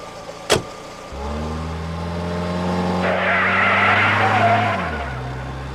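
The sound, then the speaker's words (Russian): Car tires skid and squeal through a fast turn, a loud sustained screech over a revving engine, after a brief sharp click at the start; no one speaks. “Эй, Майк, ты это того, полегче на поворотах”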